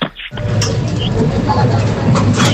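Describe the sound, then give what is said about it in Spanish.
A reverse vending machine takes in a glass bottle as the glass passes the barcode reader: after a brief quiet moment, a steady mechanical whirring and low rumble starts up and runs on evenly, with faint rattles on top. “Ese sería al pasar el vidrio por el código de barras, ¿no, Francisco?”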